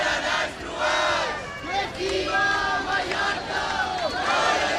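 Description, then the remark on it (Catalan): A large crowd of thousands of protesters in Palma, Mallorca, chants in unison against mass tourism under the slogan "Mallorca al límit", voices rising and falling in rhythmic, sustained shouts that fill the whole clip at a steady, loud level. “Milers de persones es manifesten a Palma contra la massificació turística sota el lema Mallorca al límit.”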